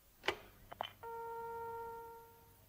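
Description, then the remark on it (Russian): A telephone handset is lifted with a few clunks and rattles, then a steady, clear dial tone hums on its own for a couple of seconds. “Снимаете трубку.”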